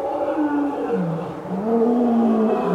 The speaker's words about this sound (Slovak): Kráľovná sa obzrela za revom a na vršku zbadala levy, ako bežia rovno k nej. Mali 2 hlavy, 8 nôh a cerili na ňu obrovské zubiska.